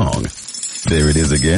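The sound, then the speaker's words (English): A brief, bright rattling patter of Downy Unstoppables scent beads pouring into a washing machine, lasting about half a second between stretches of a man speaking. “That's the sound of Downy Unstoppable scent beads going into your washing machine and giving your clothes freshness that lasts”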